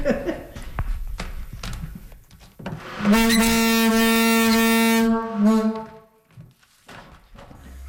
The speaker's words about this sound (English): And in St. Martin's, I got to use a very loud foghorn box. How loud is it? You want to hear it?